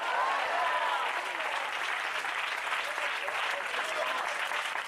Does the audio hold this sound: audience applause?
yes